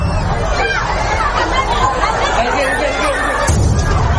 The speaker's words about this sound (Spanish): Momento en que se produjo una de esas explosiones que ha dejado, como decimos, más de 40 heridos.